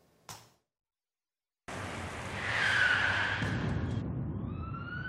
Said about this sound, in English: The impact was deafening. A truck, failing to yield the right-of-way, broadsided the van carrying